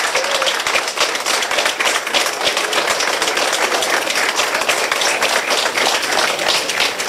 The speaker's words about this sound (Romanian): Muntele a fost răpuns complet pe o distanță de 2 km, iar momentul a fost sărbătorit cu aplauze în subteran de muncitori și autorități.